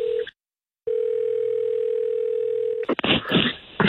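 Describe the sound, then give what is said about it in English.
A steady electronic phone ringback tone sounds, first a short burst, then after a pause a long continuous ring, before a voice picks up and starts talking at the end. “Okay, it's ringing.”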